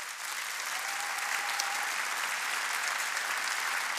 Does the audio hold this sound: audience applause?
yes